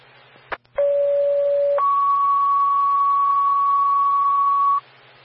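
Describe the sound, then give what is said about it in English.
A loud two-tone fire dispatch page: a steady lower tone for about a second, then a longer higher tone holding for three seconds, preceded by a couple of short clicks over faint radio hiss. It pages the Elk Creek fire department to respond to a carbon monoxide alarm. “Stand by for the tone.”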